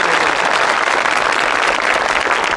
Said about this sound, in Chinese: 您说像您这么没皮没脸的，跟观众直接要掌声，观众好意思不给你鼓吗？